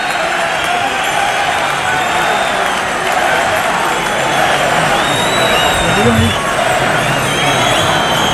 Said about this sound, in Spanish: Pero el público, claro. Pero se divide el público, ¿eh? Hay gente que le está aplaudiendo. Opiniones. Gente que mucha gente aplaudiendo y hay gente pitando.